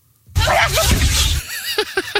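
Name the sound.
alligator sneezing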